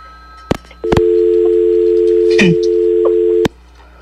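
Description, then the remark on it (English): A click, then a steady, loud telephone dial tone drones for about two and a half seconds before cutting off with another click after a caller hangs up on the call-in line of a radio show on KRUA 88.1 FM. No one speaks. “There's no way that that phone keeps hanging up unless someone's pranking me.”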